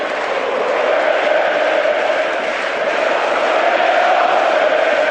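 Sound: football stadium crowd cheering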